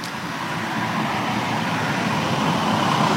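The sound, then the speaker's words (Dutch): A taxi approaches along the road and stops, its broad engine and tyre rumble swelling slightly louder over a few seconds, with no one speaking. “Ja, oh, daar komt een auto aan.”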